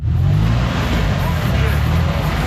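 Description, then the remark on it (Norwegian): A steady, loud rumble of engines fills the scene, low and continuous like idling and moving vehicles in busy street traffic in central Nairobi, Kenya, with no pauses or distinct passing events. “Det fremleis lyden av motor og lukta av eksos som dominerer I sentrum av Nairobi.”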